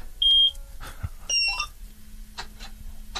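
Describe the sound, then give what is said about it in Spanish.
A combine harvester is started with its key: two short high electronic beeps chirp out, then a steady low engine drone settles in and runs on quietly underneath. “Estoy por pedirte y... que gires la llave, a ver si se escucha por la radio.”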